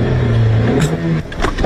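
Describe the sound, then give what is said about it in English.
A manual car engine turns over and catches after stalling, its low hum climbing in pitch as it revs briefly, loud, with a few light clicks near the end and no voices. “Oh no, the car stalled. Can't start the car in first.”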